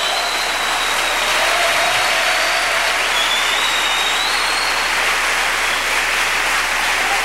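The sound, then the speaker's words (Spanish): An audience applauds steadily in praise of God, a dense, even roar of many hands clapping at a constant loud level for several seconds, with no voices standing out. “Un aplauso fuerte al que vive por los siglos de los siglos.”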